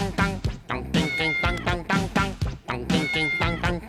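Loud cat meows repeat in a steady rhythm, about one per second, over a dense tonal backing with no clear talking.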